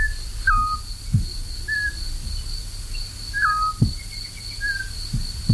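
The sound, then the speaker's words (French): A male and a female owl call back and forth in the same tree, a large horse chestnut, near Issijac on the road to Beaumont, trading short, clear whistled hoots at a steady pace, with a few fainter higher notes and a continuous high insect drone underneath. “On entend un mâle et une femelle qui se répondent dans le même arbre, un grand marronnier, autant que je me souvienne.”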